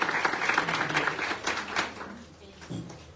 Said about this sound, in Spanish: Ahí está, muy bien, fuerte el aplauso para esta familia que hoy recibe su escritura después de tanto tiempo, tantos años.